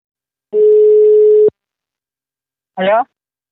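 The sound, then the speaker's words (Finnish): A single steady electronic ring tone sounds over a phone line for about a second as a call is placed to a campaign director, followed by a pause and then a brief voice answering. “Mutta seuraavaksi otamme puhelin yhteyden häneen.”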